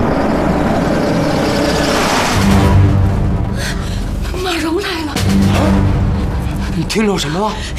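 A car engine, taken to be Ma Rong's car, the only car in the county town, rumbles low and steady, swelling louder as if drawing closer, while wavering human vocal sounds rise over it in the second half.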